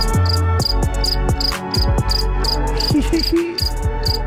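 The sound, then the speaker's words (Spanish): Crickets chirp in quick, evenly spaced pulses, a steady high-pitched rhythm running throughout, layered over a loud, busy bed of low tones and sliding sounds. “a ver, ¿dónde están los grillos? Claro que tenemos grillos para ti.”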